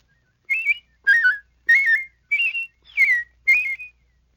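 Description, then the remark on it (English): A person whistles six short, warbling la-la whistle phrases at shifting pitches, imitating a robin's song, each burst separated by brief pauses, clear with no talking. “By producing your la-la whistle at different pitches, you can imitate a robin.”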